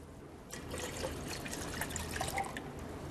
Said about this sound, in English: We're going to put in 1 liter of water.